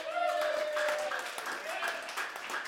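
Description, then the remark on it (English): A crowd claps steadily in a dense, crackling patter that runs the whole way through, with a voice rising over the applause. “Put up your hand if you feel like you need some applause right now.”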